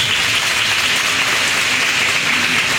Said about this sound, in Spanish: fuertes aplausos a la profesora. Fuertes los aplausos.